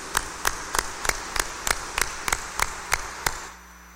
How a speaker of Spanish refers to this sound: A los cumpleañeros démosles un fuerte aplauso de felicitación.